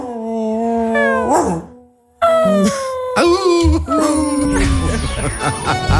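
A lone dog left alone at home howls and whimpers in long, wavering, high-pitched cries that rise and fall, breaking off briefly before resuming in more strained, mournful wails.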